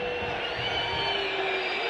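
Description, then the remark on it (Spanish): A football stadium crowd whistles in disapproval at the players, a steady, dense wash of shrill whistles over a constant roar of noise, loud and sustained from start to finish with no clear voices standing out. “¿Para quién los silbidos?”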